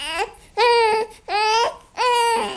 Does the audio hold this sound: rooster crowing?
no